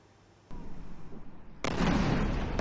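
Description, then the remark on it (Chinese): A sharp bang rings out, then a second, much bigger explosion erupts into a loud, sustained rumbling roar that fills the rest of the moment. No one speaks. A huge explosion in the evening at Chabahar port, Sistan and Baluchestan province, southeastern Iran, reportedly a US strike that hit a maritime traffic control tower. “伊朗东南部西斯坦俾路支斯坦省恰巴哈尔港8号晚间传出巨大爆炸声。”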